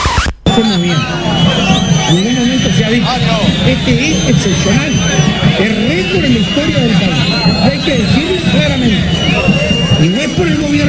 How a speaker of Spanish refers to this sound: Escuchen esto, porque no se escuche el discurso, no se escucha el discurso de Frati. No. Se escuchan más los chiflidos, los silbidos y los abucheos que la expresión del ministro.